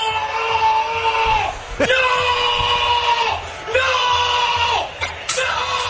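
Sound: football fan shouting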